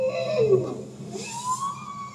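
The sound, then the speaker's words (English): A bowhead whale calls in long, sweeping tonal moans that glide down then rise, moderately loud over a low underwater hum, recorded in the Arctic with hydrophones deployed from a research ship, with no one talking. “That's a bowhead whale.”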